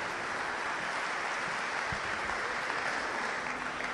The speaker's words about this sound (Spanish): Los felicito por haber tomado la decisión de venir aquí hoy esta noche a la comunidad. Y ustedes se merecen un aplauso, Todos ustedes decidieron venir hoy aquí.